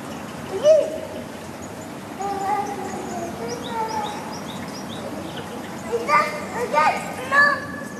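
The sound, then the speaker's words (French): Small birds chirp and twitter in the inner garden of an apartment building, a garden shut off from the street, with rapid high notes in short bursts that grow busier toward the end, set against soft outdoor ambience and faint voices. “là, on commence à entendre les petits oiseaux.”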